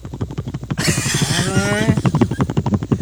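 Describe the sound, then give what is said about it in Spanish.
A voice mimics an old, creaky helicopter, a rapid pulsing rattle that swells into a breathy, quavering, almost whinny-like stretch midway before settling back into the rhythmic chop. “Pues se ve que ese helicóptero relincha, ¿no?”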